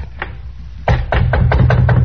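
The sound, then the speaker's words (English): Someone raps on a hotel room door at about midnight, one early knock followed by a quick, steady run of about six more, fairly loud, over a low background rumble with no talking. “About midnight, we knock on the door and say it's the bellboy.”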